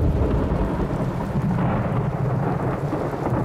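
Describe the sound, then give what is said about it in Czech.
A loud thunderstorm: heavy rain pours steadily while deep thunder rumbles and rolls underneath, filling the whole stretch with a dense, continuous roar and no voices. “Ve chvilce bylo nebe jako v jednom ohni a burácení bylo pořád blíž a blíž a pak to najednou začalo.”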